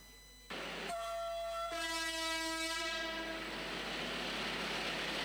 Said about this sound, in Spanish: Yamandú Orsi, hizo también un viaje en tren, este tren del siglo XXI, como él lo llamó, desde Las Piedras hasta Montevideo y en el marco de los 2 años justamente del ferrocarril central.